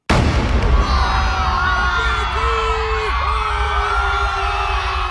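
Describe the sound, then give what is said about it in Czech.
A single heavy cannon blast, a shot from the cruiser Aurora that began the Great October Revolution, opens at full loudness, then a dense, sustained rumble lingers with crowd roar and wavering, whistle-like tones running underneath. “Výstřel z křižníku Aurora zahájil velkou říjnovou revoluci.”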